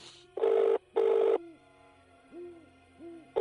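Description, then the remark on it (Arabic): A mobile phone ring repeating in short, loud electronic bursts, with softer warbling tones between them, as a call is placed from a mobile phone kept in a pocket, with no talking. “تعال هذا موبايلي بجيبي، خلني اتصل.”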